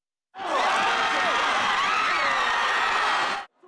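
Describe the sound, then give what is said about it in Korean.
A large outdoor crowd of about 30,000 people in red at Gwanghwamun Square, watching a football match against South Africa on a big screen, roars and cheers for South Korea and gasps as South Africa scores. It is a dense wall of many voices with shouts and rising exclamations, loud and sustained for about three seconds before cutting off abruptly. “시민들은 대한민국을 외치며 열심히 응원했지만 후반전 남아공의 선제골이 터지자 일순간 탄성이 터져 나왔습니다.”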